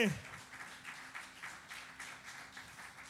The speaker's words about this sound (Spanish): Si ese aplauso es para él, es suerte.